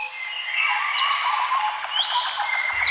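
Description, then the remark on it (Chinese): A dense chorus of birds chirping and trilling continuously, fairly loud, with a few rising whistles standing out; no one speaks. “鸟鸣，溪流，森林，草原，大海。”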